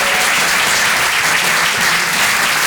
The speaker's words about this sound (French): Merci beaucoup les amis, c'était incroyable, merci à vous. On peut l'applaudir très très fort, Stéphanie Machard sur Rire et Chanson.